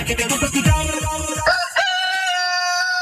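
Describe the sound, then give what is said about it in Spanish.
A rooster crows loudly, a single long, strained cock-a-doodle-doo whose drawn-out final note rings out clearly after a busy, rhythmic burst of sound at the start. “¿Tiene su finca un gallo fuerte y bien criado?”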